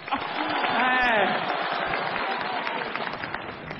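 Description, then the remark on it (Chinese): The audience of the show 《真情不扰》 applauds a matched couple steadily for about four seconds, a dense, even wash of many hands clapping, with a brief whoop or voice rising out of it near the start. “来，朋友们，掌声鼓励一下。”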